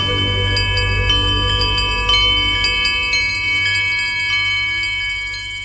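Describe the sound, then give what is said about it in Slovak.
Many small bells tinkle continuously over a low steady hum, bright chimes overlapping in an irregular shimmering pattern, moderately loud, gently fading toward the end. “Bude to, ako by ste počuli miliardy malých zvončekov, mamičenka moja.”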